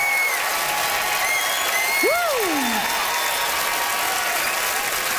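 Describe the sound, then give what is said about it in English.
A large hometown crowd in Charlottetown, PEI, applauds steadily and loudly for several seconds as comedian Patrick Ledwell is introduced at a comedy debate show, with whoops and a few sharp whistles rising above the dense clapping. “Listen to that crowd for the hometown, boy!”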